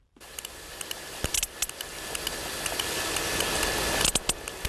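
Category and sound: animal, sperm whale clicks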